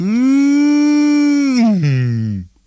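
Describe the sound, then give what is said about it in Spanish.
A single long, drawn-out moo of a spotted cow yawning, loud, holding a steady pitch before sagging lower and trailing off at the end. No other sounds or voices. “Pero cuando llegaba otra vez la noche, bostezaba la vaca pinta. Bostezaban los becerros.”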